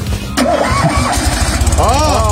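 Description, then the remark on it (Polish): A prototype car engine, started by Polish engineers, cranks and catches with a sudden burst, then settles into a steady rumbling idle while voices carry faintly in the background. “Jest! O! Odpaliła maszyna!”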